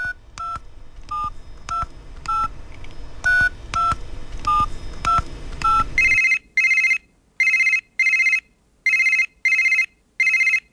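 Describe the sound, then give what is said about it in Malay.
A phone number is keyed in with a quick series of touch-tone beeps, then a loud, steady ringback tone pulses on and off about seven times as a call to a guest, a woman entrepreneur, goes through. No one speaks. “Mari kita hubungi tetamu kita menerusi talian telefon sekarang.”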